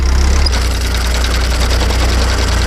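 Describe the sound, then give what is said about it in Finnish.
A tractor engine runs steadily and loudly during hay raking in a hayfield, with a deep, continuous rumble and a rhythmic mechanical chug throughout. No voices are heard. “Ja tähän päälle se traktoriradio soitti niitä 90-luvun iskelmiä”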